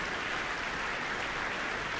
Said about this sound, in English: Applause for concertmaster Donald Armstrong.